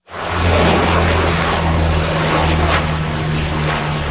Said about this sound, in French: La lutte contre le feu vient entre autres du ciel. Des avions, dont des canadaires, effectuent des largages sur de larges zones.